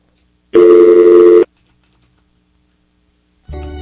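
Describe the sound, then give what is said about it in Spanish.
A loud, steady telephone dial tone on a call-in line sounds for about a second, cuts off into silence, then a second, lower tone starts near the end. No one speaks. “Y más, vamos a ver qué está pasando aquí con estos teléfonos.”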